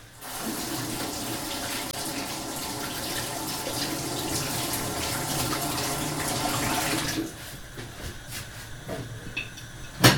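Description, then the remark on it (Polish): A steady rush of running tap water pours for about seven seconds with uneven splashing as a peeled celery root is rinsed under the tap, then shuts off, leaving a few faint drips and clinks. “Ten akurat jest gotowy, więc mogę go sobie opłukać.”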